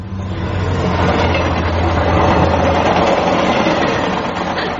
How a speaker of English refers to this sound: Crikey, that's loud. Those trains would be frequent. Oh, yes, day and night. This is a main line.